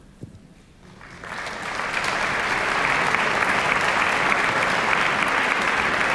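Applause from an audience starts softly and swells within about two seconds into a steady, dense clapping that holds loud and even until the end, with no voices.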